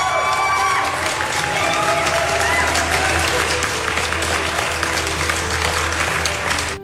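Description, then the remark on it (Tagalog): An audience breaks into loud, sustained applause lasting several seconds, the dense clapping mixed with crowd cheering and voices, steady throughout before cutting off at the end. “Palakpak, balik na pat.”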